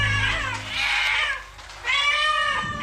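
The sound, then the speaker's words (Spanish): Two drawn-out meows from a black cat, fairly loud, with a short pause between them and a faint low rumble at the very start; no talking. “¡Miau! ¿Habrá caído de alguna nube? Se preguntó un gato negro mirando a aquel cielo oscuro desde su seco escondite.”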